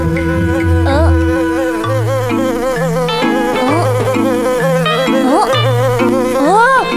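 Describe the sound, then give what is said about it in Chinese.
A fly buzzes loudly and continuously around ice cream, its whine swooping up and down in pitch as it darts around, with a bouncy stepped musical backing underneath and no one talking. “走开，走开！ 看来苍蝇也想吃冰淇淋。”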